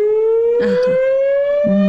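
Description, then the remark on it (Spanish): A loud, steady earthquake warning siren sounds from megaphone loudspeakers on top of poles in an urban area, slowly rising in pitch and rich with harmonics, sustained throughout with a few low thumps and murmurs underneath. “Entonces, cuando ocurre un movimiento sísmico, hay una voz. Ah, es un sonido también.”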